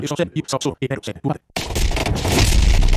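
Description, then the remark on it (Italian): A man talks briefly, then a loud, dense roar of explosions and battle noise from a fight scene bursts in and keeps rumbling and crackling, heavy, until the end. “Sì, qua le esplosioni, lo scontro.”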